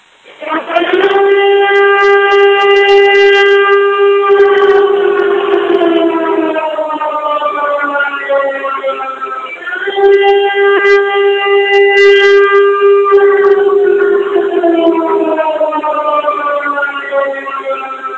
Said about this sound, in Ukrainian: Увага! Громадяни! Повітряна тривога! Жовтий рівень загрози! Якнайшвидше дістаньтесь захисної споруди або іншого безпечного місця!